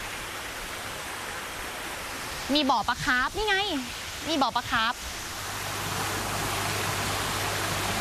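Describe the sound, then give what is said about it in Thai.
A steady rush of water from an artificial waterfall splashing into a koi pond outside the Siri Naka replica cave, continuous throughout, with a woman speaking briefly over it in the middle. “อันนี้เป็นแค่ด้านนอกนะคะทุกคนที่จะมีตัวการจำลองเรื่องของน้ำตกแล้วก็มีบ่อปลาคาร์ฟให้เราได้ดูกัน”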